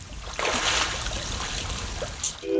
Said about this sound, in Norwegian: I et tjern utenfor Elverum har det blitt observert badende elger nesten daglig. Det er fordi elgen blir lett overopphetet nå om sommeren, og det er ikke uvanlig at den tester vannet.